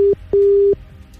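A phone ringing tone heard over the line as a radio presenter calls a prize draw winner live on air: two steady electronic tone bursts, the second longer, separated by a short gap, fairly loud and clear with no voices.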